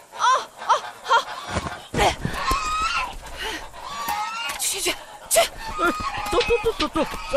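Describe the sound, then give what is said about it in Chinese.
Several geese honk loudly and frantically in a chaotic burst as they are chased off, their harsh calls overlapping with scuffling and rustling as the birds are hurried along. “快点把大鹅扔出去了，别死抱着了！”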